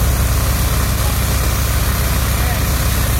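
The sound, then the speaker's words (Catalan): Firefighters' heavy machinery doing flood cleanup in the capital of Vallès Oriental, where they have reopened the city's north and south ring roads, runs without pause: a loud, steady low engine rumble with a broad hiss on top and no break or change in pitch across the few seconds. “El so de la feina dels bombers que ja han aconseguit reobrir les rondes nord i sud de la ciutat, també els entorns de l'estació de tren, que avui torna a estar operativa.”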